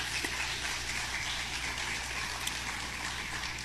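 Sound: audience applause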